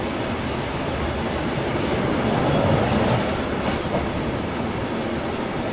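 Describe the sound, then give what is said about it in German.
A diesel train pulled by the diesel locomotive TMZ 109 rolls steadily along the non-electrified rails of the historic Inlandsbahn route, with a continuous, dense rumble and faint rattling of the cars at a constant loudness, with no voices. “Gezogen werden wir von der Diesellok TMZ 109 und wir fahren ab jetzt auf der historischen Route der Inlandsbahn.”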